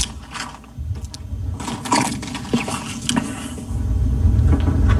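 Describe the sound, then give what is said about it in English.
Ice cubes rattle and clink inside a glass, a busy run of sharp, bright clicks and knocks that keeps going without pause, with no voices present. “And just so you understand, if I'm not mistaken, you're going to hear a sound effect with no words initially, and the sound effect is the ice shaking.”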